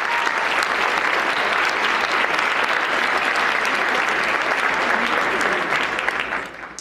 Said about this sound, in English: Let's give Caitlin another big round of applause.